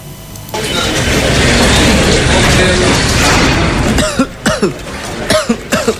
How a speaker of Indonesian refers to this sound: Dari tadi kamu batuk terus, sakit ya? Iya nih, udah beberapa hari ini aku kena flu batuk, gak sembuh-sembuh. Terus kalau batuk dadaku sesak, badan juga lemas banget.